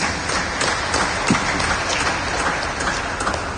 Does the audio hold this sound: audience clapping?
yes